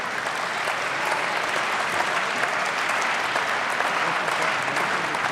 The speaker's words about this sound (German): Jetzt kommt Anton Hofreiter. Ein Applaus für Anton Hofreiter.